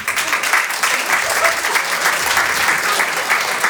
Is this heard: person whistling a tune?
no